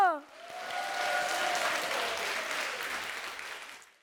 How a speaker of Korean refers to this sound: 오늘 무대 함께 즐겨주신 여러분께 감사드리며 큰 박수로 예음 전통연희단 친구들을 격려해주세요